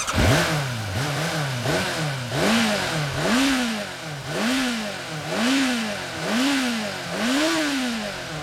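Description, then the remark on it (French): A motorcycle engine revs repeatedly in a steady rhythm, about eight rising and falling throttle blips over several seconds, loud with a rough, throaty roar and no voices. “Mais tout d'abord, écoutez bien mon engin, ok? Avant de partir, il faut vous assurer que votre moteur tourne bien, qu'il peut rugir comme un tigre féroce.”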